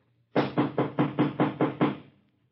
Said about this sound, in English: No sooner had Evelyn closed the door behind her and started hunting for the light switch than she heard a loud knocking.